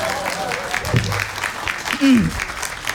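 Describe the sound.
A crowd claps steadily throughout, dense and fairly loud, with a couple of brief voices calling out over the applause.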